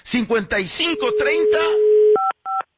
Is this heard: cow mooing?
no